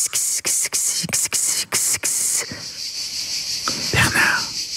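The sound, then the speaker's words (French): Loud cicadas chirping in a shrill, high buzz, first in rapid rhythmic pulses and then settling into a steady, continuous drone. “Et puis au sud de la France, moi, ça fait penser aux cigales, là.”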